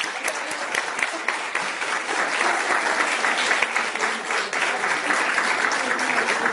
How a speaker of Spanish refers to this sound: Muy bien. Fuerte el aplauso.